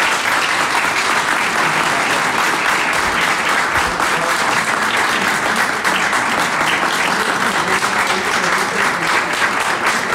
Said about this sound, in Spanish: Pues les doy la bienvenida al ensamble Campodónico, para quienes pido un aplauso.